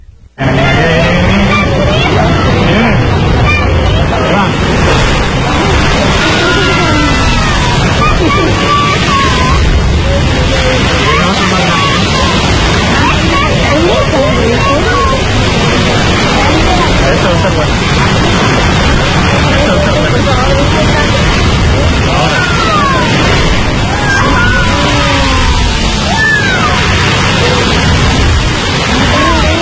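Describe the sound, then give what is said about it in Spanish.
The La Bufadora sea blowhole in Mexico roars and bursts with spray in a loud, continuous rushing wash of water and wind, sustained, while people chatter faintly underneath. “Si vienen cuando hace mucho viento, como salen disparos y se hacen gotitas, te mojan.”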